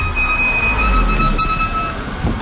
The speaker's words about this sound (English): Those brakes are hard to miss. Yeah, they've been making some noise. Yeah, that's usually worn pads.